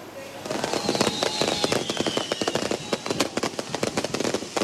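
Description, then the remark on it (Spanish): Rapid, dense bursts of firecrackers and fireworks, set off at midnight by Peñarol fans celebrating the club's 135th anniversary, crackle and pop without pause, with thin high whistles streaking over the barrage of sharp bangs. “Puntualmente a la medianoche, hinchas de Peñarol comenzaron a festejar el cumpleaños número 135 del club con fuegos artificiales que sonaron en todo el país.”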